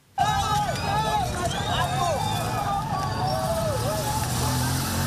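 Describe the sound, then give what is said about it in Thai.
A large crowd of protesters against record energy prices flees in Nairobi, Kenya, as tear gas is fired, in loud, chaotic commotion, many voices shouting and yelling over a constant roar of movement, dense throughout, with no clear blasts standing out. “ประชาชนวิ่งหนีท่ามกลางเสียงระเบิดจากการยิงแก๊สน้ำตาและเสียงไซเรนความโกลาหลนี้เกิดขึ้นหลังจากที่ชาวเคนยานั้นได้ออกมารวมตัวบนท้องถนนในกรุงไนโรบีเพื่อประท้วงการขึ้นราคาพลังงานสูงทำสถิติ”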